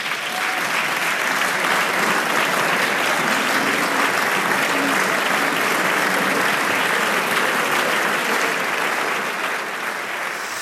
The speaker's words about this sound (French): Et vous entendez donc ces applaudissements.